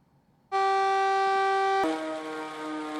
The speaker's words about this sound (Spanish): Estas son las sirenas que alertan a la población de la localidad de Cuisac.